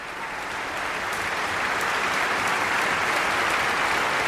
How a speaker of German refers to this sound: Und im Saal ist heute auch Tönu Körwitz selbst. Der bekommt hier gerade seinen Applaus, ist mit auf die Bühne gekommen. Xenia Sidorova hat ihn umarmt, genauso Paavo Järvi.